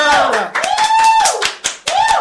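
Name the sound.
people clapping hands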